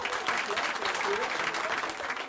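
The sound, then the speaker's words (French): Steady audience applause fills the whole stretch, a dense crackle of many hands clapping, with faint voices mixed underneath, given for someone who finally passed a difficult PS2 diploma this year after several years of trying. “On va lui faire un tonnerre d'applaudissements.”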